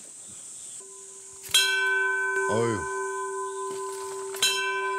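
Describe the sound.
A large bell on Mudeungsan mountain in South Korea is struck twice, each blow ringing out loud with a long, shimmering sustain that hangs in the air. A person briefly exclaims between the strikes.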